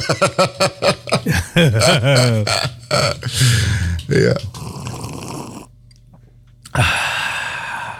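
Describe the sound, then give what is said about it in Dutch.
A long, drawn-out slurp of hot coffee during a midday coffee break, a noisy sucking rush that follows a few short spoken words and some throaty sounds. “Een lange slurp.”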